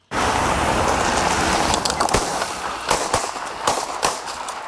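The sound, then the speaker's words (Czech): Several sharp gunshot cracks from a staged historical reenactment of the May 1942 assassination attack in Prague ring out at irregular intervals over a steady wash of broad outdoor noise, some shots loud, others quicker and slightly fainter. “A jen upozornění na začátku reportáže zazní výstřely.”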